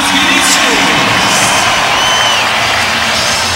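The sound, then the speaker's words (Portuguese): A large stadium crowd of fans at the arena applauds and cheers for player number 77, Giovanni Cabral, in a loud, continuous wash of clapping mixed with scattered shouts and whoops, holding steady throughout the few seconds without a pause. “Bem aplaudido também pelos torcedores.”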